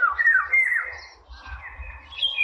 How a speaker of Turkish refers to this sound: Dere boyundaki kavakları çok seviyor. Gerçekten görmesi zor ama sabır istiyor. Yani sabırla bakınca bir noktada bir kavaktan öbürüne uçarken görülüyorlar. Evet, sesi de çok güzeldi. Dinleyicilerimize veririz sesini şimdi.